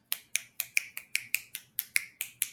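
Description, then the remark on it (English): A quick, steady run of about eleven sharp, crisp finger snaps, made close to the ears, each a bright click that fades fast, with no talking. “Move your fingers away and snap. Move your fingers close to your ears and snap.”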